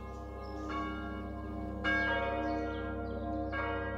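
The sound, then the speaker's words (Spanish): A monastery bell on the isle of Iona rings at noon to mark the communal meal, in slow, steady strokes, three distinct strikes with long resonant hums sustaining between them, heard clearly with no voices. “Al mediodía, el sonido de la campana marcaba el tiempo para la comida comunitaria.”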